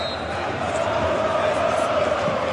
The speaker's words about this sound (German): weil hier wird gejubelt im Jahnstadion. Über 4000 Cottbusser sind jetzt auf dem Rasen. Im Einklang gemeinsam mit dem Präsidenten jubeln sie und umarmen sich alle gemeinsam. Eine große Lausitzer Umarmung.